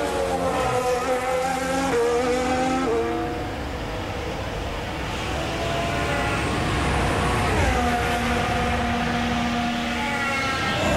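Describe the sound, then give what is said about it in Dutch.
George Russell's Formula 1 race car engine screams loudly on a push lap, its pitch rising through the gears, dropping sharply on downshifts, then climbing again at full throttle. “Ook hier, auto wilde wel insturen, maar de achterkant kwam om.”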